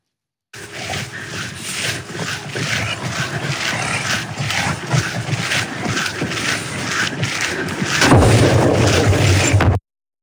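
Repeated loud electrical explosions from an act of sabotage against high-voltage power lines near Cologne, Germany: a dense run of sharp cracking bursts over a rough roar that grows heavier and louder near the end, with no talking.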